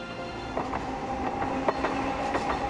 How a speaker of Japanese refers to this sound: わっ、路面電車、初めて見た。おもちゃみたいな2両だけの電車が目の前でガタガタとカーブを描いていった。